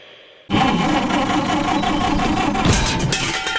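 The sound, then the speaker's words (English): A car engine abruptly cranks to life after a brief quiet moment, churning loudly and roughly with a few sputtering bursts near the end, as if it's straining to catch. “Oh, no. Got trouble with the car?”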